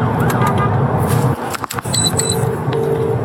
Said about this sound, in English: Must not have been a huge emergency, because you'll hear from inside the cab of their police vehicle how they handled it. But a van driver blocked their path on the motorway.